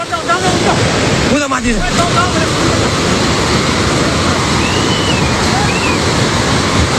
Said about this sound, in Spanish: Esto es el sonido del agua, llevándose por delante autobuses, edificios...